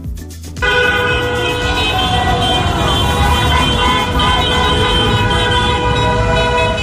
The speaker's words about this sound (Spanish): En la costa también los claxon de los vehículos no dejaron de sonar durante horas y horas y horas, mientras decenas de coches estaban recorriendo las principales calles de la ciudad con banderas de España, ondeando por las ventanillas.